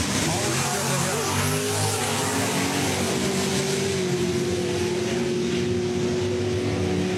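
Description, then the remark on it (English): Race car engines drone and rev steadily as cars are brought up at a bracket racing event, a continuous layered roar with a rising pitch early on, over a wash of broad background noise. “Whatever they did, they pulled the trigger on bringing the cars up. Because they got moving right now.”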